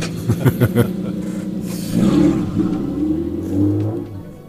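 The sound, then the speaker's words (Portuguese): The engine of a rally car driven by Mário Oliveira and Nuno Teixeira revs hard as it passes in the last metres of the Santana special stage, a few sharp bursts of throttle followed by a loud, rising roar that swells and then eases as it moves off. “Aqui no final, a passar por nós.”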